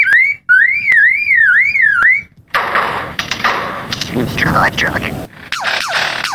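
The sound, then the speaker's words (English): A lyrebird imitates other noises: first a loud, wavering siren-like tone rising and falling in a steady cycle, then a dense, harsh jumble of clicks, rasps and quick descending whistles. “The lyrebird is one of the best of all bird mimics.”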